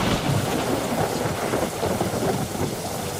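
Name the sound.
thunder rolling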